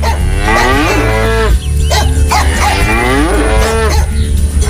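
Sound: cow mooing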